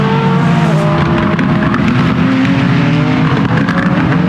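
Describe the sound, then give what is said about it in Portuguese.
A loud race car engine roars continuously at the 6 Hours of the Circuit of the Americas in Austin, Texas, a 2026 World Endurance Championship round. Its pitch drifts slightly as it passes on the track, with steady high-revving intensity and no voices. “Neste domingo, a Jovem Pan voltou a acompanhar a modalidade mundial de Endurance.”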